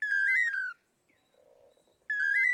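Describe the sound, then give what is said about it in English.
A pair of male long-tailed manakins in Central America sing their Toledo song, a loud, clear whistled phrase of quick rising notes, pause with only faint soft warbling, then launch into the same bright phrase again. “Researchers have estimated that the dynamic duo may perform their Toledo song up to 5,000 times in one day.”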